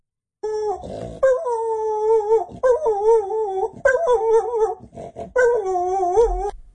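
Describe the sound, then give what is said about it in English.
A dog in Okorito howls in a high, wavering falsetto pitch across several long sustained bursts, with a short snorting, grunting noise near the start and brief pauses between howls. Fairly loud, no talking. “He has sent us an example of his dog in full flight falsetto.”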